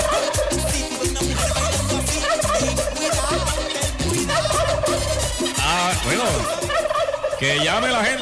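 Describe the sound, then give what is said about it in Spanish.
A turkey gobbles loudly, its rapid warbling calls repeating almost without pause for several seconds, with a single brief spoken word near the start; a turkey sound effect played on the radio station La Cordobesa. “Oye, para toda la gente de Venezuelita, la entrada, ponle pavo.”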